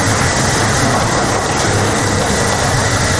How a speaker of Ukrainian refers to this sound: У цих цехах виробничі машини гудуть 24/7. Тут виготовляють тисячі виробів із гуми.